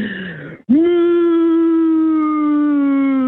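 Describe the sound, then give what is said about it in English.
A person imitates a cow's moo with a single long, steady, low-pitched vocal drone held for nearly three seconds. A brief burst of voice comes just before it. “Yeah, I'm going to need a better moo”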